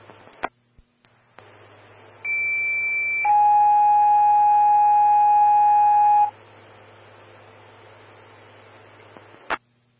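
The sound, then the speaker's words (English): Fire dispatch paging alert tones sound over a radio channel: a steady high tone for about a second, then a long, loud lower tone held for three seconds, framed by clicks and static hiss; tones for a breathing-problems call to Evergreen Fire Station 3, Medic 114 and Engine 131. “Standby for tones on breathing problems.”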